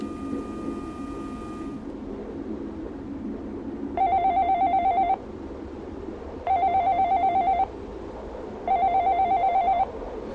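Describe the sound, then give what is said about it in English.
A telephone that keeps ringing with the same recorded message playing rings in three evenly spaced bursts, each a bright, trilling electronic tone lasting about a second, over a steady low rumble. A brief steady tone sounds before the rings begin. “a telephone that forever rings with the same recorded message playing...”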